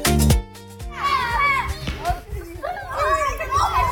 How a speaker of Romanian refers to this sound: Ce mișto se joacă. Deci încă se joacă treaba asta și o gașcă frumoasă de copii acolo pe un teren verde. Wow, câți copii sunt!